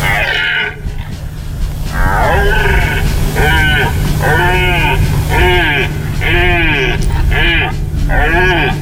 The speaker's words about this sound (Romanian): Dar să nu uităm totuși că, în general, ați văzut, spune comunicatul, sunetele astea sunt de la cerbi.